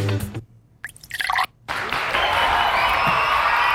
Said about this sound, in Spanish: Mae, muchas gracias a todos. Están buenísimos. Un aplauso para todos los aldeanos.